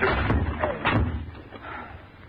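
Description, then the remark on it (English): A wooden door being forced open by people putting their shoulders to it: two heavy thuds against the wood, followed by a rough, rumbling clatter as it gives way. “Give me a hand at this door. Well, what was it? Come on, come on. Put your shoulder to it.”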